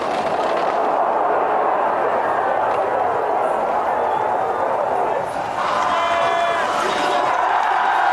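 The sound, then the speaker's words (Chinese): Spectators at an alpine ski race cheer in a loud, continuous roar as a skier makes his final sprint to the finish, holding steady throughout. Sustained high, horn-like tones join the din in the last few seconds. “奥特马特最后的冲刺，现场的观众也用欢呼声在等待着他，1分52秒31。”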